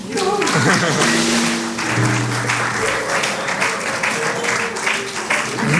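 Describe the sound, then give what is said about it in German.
An audience at a jazz club evening in the Pierre-Gras applauds the bar loudly and steadily, a dense wash of many hands clapping throughout, with a few voices and whoops rising briefly over it. “Deswegen auch nochmal einen großen Applaus an die Bar.”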